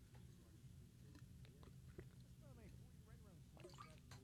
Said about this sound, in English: Sorry, I got to get some water in me.